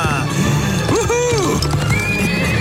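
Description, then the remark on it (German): A white horse with a rider gives a single loud whinny in the middle, its wavering call rising and falling over a busy background of low rumble and what sounds like hooves shuffling. “Oh, so ist gut. Feines Pferd.”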